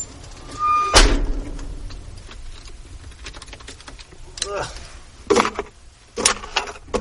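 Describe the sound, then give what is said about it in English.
The automatic doors of a full-size Ford van, the squeaky left one first, creak open with a high squeal and a heavy clunk, followed by more squeaky groans and metallic knocks from the door mechanisms. “All right, now let's open the doors. That's my squeaky left.”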